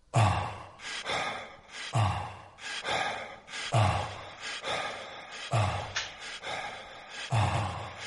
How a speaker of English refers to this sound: It's not breathing. It sounds like …. It is ….